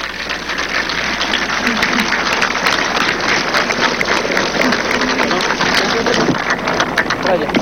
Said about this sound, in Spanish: Un aplauso.